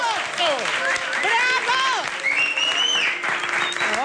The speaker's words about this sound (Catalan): La Coco apareix a l'escenari enmig d'una gran ovació i tothom l'aplaudeix. Ben maco, això.